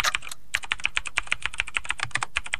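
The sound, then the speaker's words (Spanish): Rapid clicking of keys on a computer keyboard, a steady stream of crisp taps with a brief pause near the start, no voices. “El teclado de teclado.”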